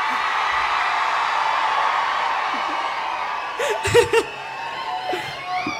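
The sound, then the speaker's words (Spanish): A large concert crowd roars and shouts in a sustained, dense wash of noise, with a few louder whoops and bursts breaking through near the end. “Quiero escuchar un grito bien fuerte, la gente de 33.”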